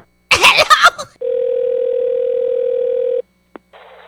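A brief clattering clunk as a phone is hung up, followed by a steady, loud, mid-pitched dial tone lasting about two seconds, then a sharp click and faint hiss.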